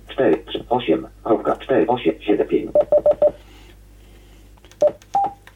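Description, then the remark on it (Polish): A man speaks briefly, then a quick run of short electronic keypad beeps sounds as a repeater frequency is typed by finger into a radio in DMR mode, followed after a pause by two more single tones. “Ja teraz z palca wpiszę częstotliwość przemiennika.”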